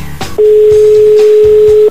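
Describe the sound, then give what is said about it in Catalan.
A single steady telephone ringback tone, the fifth ring of an outgoing call that then goes to Movistar voicemail, loud, sounding for about a second and a half after a brief moment of faint background noise, with no talking. “Cinc. Ai, que la cosa es complica.”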